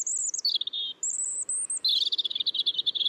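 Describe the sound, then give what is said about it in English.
A robin sings alone out in nature, clear: a few high whistled phrases that slide up and down, followed by a quick run of rapid chirping notes. “These are two different robins, the first in a city, the second out in nature.”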